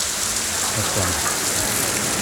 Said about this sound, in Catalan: a la Diagonal, on hi ha Catalunya Ràdio, la seu principal de Catalunya Ràdio Barcelona, del 3CAT, està plovent. Està plovent amb força, amb molta intensitat,